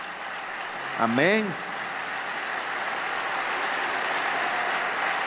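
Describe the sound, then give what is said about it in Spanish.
Steady crowd applause fills the whole stretch as a dense, even wash of clapping, with a single voice briefly calling out over it near the start. “Sí, te aplaudimos, papá.”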